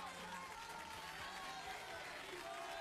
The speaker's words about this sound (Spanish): Aplausos.